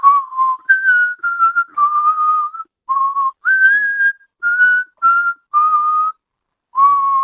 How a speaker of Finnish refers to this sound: Vapaus vihellellä.